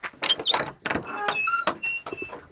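A wooden outhouse door creaks and scrapes as it is pulled open, with a few knocks and rattles of the latch, fairly loud.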